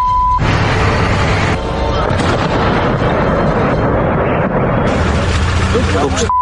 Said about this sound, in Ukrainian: Ну хіба в 22-му році хтось міг собі уявити, що буквально щодня міста з абсолютно різних куточків неосяжної, і що важливо у глибокому тилу, здригатимуться від численних вибухів та повітряних атак? Летить!